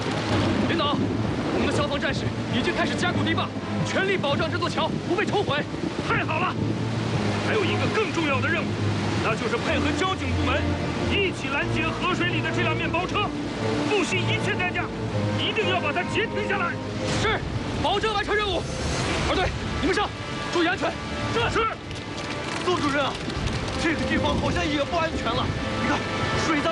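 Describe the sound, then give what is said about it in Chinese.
Loud, steady roar of rushing floodwater churning along a local river that carries dangerous vehicles toward an interception net set up by rescue workers, dense, with indistinct voices blending into the turbulent wash. “报告，地方河流裹挟着危险车辆，马上就要冲击抢险人员布设的拦截网。”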